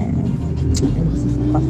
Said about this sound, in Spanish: Hace mucho tráfico, reina, no te escucho muy bien.